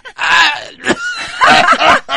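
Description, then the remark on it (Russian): A person mimics a seagull with loud, strained, nasal cries on an "eh" vowel: one long wailing call, then several shorter rising and falling squawks in quick succession, with no other sounds. “И выкрикиваем букву «э». О, как будто... это чайка умеет.”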